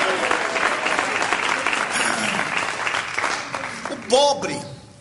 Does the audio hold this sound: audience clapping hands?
yes